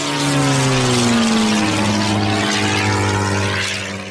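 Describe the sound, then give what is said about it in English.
A propeller airplane engine drones steadily and loudly in flight, its low harmonic hum sliding slightly in pitch as it passes, then easing off slightly at the end. “Screaming in a plane.”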